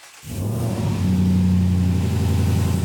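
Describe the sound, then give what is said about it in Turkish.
A powerful six-wheeled 700 hp vehicle engine roars and holds a loud, steady revving drone, its pitch stepping up briefly partway through, with no voices. The gas pedal is not working and the engine is revving at half throttle by itself. “Çünkü hem gaz pedalı çalışmadı hem de yarım gaz vermeye başladı. Kendi kendine yani.”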